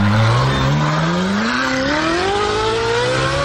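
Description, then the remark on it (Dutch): A petrol Ferrari sports car engine revs up, its loud, rasping note climbing steadily in pitch through one continuous acceleration with no talking over it. “Oordeel zelf, dit is de originele Ferrari.”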